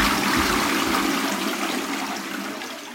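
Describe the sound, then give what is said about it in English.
A toilet flushes, a loud rushing surge of water that fills the bowl and then slowly eases off as it drains, with no voices over it. “Let me flush my way out of here.”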